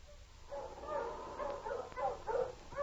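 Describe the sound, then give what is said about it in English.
Several sled dogs yelp and whine eagerly as they increase their pace, in a continuous, overlapping chorus, with short sharp yips rising above a steady run of eager high-pitched cries. “The sled dogs increased their pace and yelped with eagerness”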